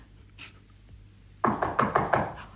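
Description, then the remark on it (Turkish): A quick series of about five firm, fairly loud knocks on a door, coming after a brief quiet pause with a faint high chirp; no one speaks. “Ama onlar olsa güm güm kapıyı kıracak gibi.”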